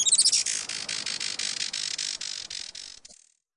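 A Juan Fernandez firecrown hummingbird gives a few thin, high squeaks, then a rapid, buzzy chatter of ticking notes, fairly loud, ending abruptly after about three seconds with no talking.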